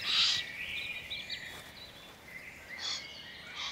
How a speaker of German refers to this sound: Im Hintergrund aufgeregte Kolkrabenrufe. Sie warnen vor dem mächtigen Greif.